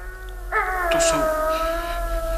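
A long, sustained wolf howl rises in and holds a steady, mournful pitch for about two seconds over a low background rumble, with no voices.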